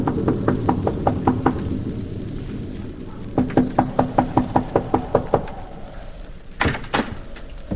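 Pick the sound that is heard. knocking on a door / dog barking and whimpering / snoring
knocking on a door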